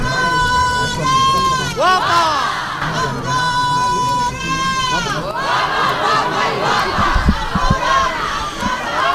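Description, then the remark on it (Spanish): Long, sustained wailing cries from the criers ('chilladores') of the Holy Thursday procession in the Albaicín quarter of Granada, Spain, rise and fall in pitch, repeated in waves over a dense, noisy crowd murmur, loud and ringing throughout. “íbamos a hablar de los chilladores, de los gritadores de nuestra procesión”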